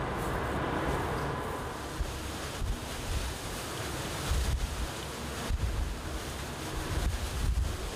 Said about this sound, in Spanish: Estima que la altura de las olas es de unos 4 metros. El mar está agitado, ¿no? Cuanto más alto, más difícil será para nosotros.